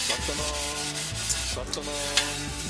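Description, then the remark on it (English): Wood rubbing and scraping as firewood collected to cook food is handled, a steady rough friction sound lasting a few seconds, set against a soft sustained musical background. “Collected firewood to cook the food.”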